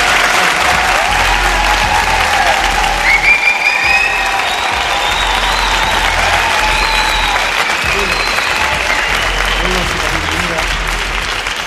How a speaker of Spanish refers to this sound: Estamos hoy desde el Palacio de Congresos de Albacete. Que se sienta la fuerza de ese lugar donde estamos, con un fuerte aplauso para que nos escuchen.